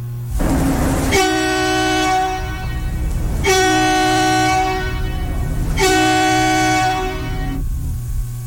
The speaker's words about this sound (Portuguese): deixa eu ver, não é esse não, gente, cadê o meu caminhão, a buzina eu já achei, cara.